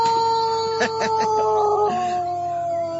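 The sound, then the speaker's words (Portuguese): A rooster crows in one long, strained, sustained call that holds a steady pitch, then dips lower toward the end, with a few short choppy bursts breaking in partway through. “Olha o galo nervoso. Esse galo aí tá nervoso mesmo”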